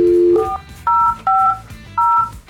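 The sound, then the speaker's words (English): Four short touch-tone beeps from a phone keypad, each a bright dual-pitched tone, spaced unevenly over a couple of seconds, with no talking, as someone dials a phone call. “Let's grab him, get him on the phones.”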